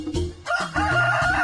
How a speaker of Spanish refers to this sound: ¡Es el de un gallo!